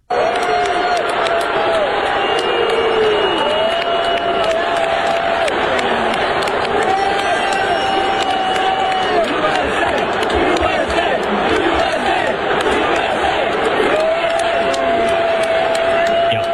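A large crowd at Yankee Stadium during a Yankees–Mets game on 9/11 roars steadily, booing a person who ran onto the field with a Palestinian flag and chanting "USA": long sustained booing tones rise above the din with a loud mass of chanting voices, continuous and unbroken.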